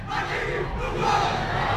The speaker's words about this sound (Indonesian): Nah, itu dia tadi yel-yelnya kita. Wah, luar biasa Niki juga sambutan dari para penonton Niki ya.